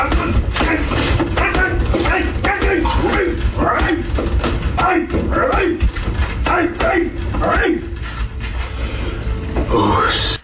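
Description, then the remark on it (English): Fists thump a punching bag again and again in a quick, steady rhythm of loud, dull blows, the puncher pretending the bag is New Zealand's Prime Minister, with grunts and a voice heard between the hits. “punching a punching bag, pretending it is the PM.”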